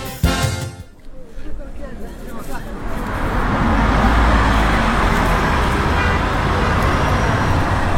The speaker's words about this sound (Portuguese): O ronco pesado dos motores a diesel dos ônibus cruzando avenidas e subindo nossas ladeiras é parte da trilha sonora de Belo Horizonte.